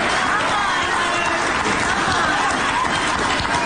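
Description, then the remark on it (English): A dense, steady roar of crowd noise fills the whole stretch, loud and unbroken, with a hiss of overlapping voices and what may be scattered clapping mixed in. “Listen to that crowd.”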